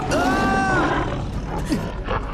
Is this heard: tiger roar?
yes